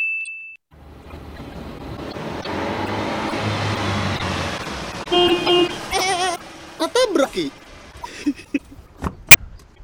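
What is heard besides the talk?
car running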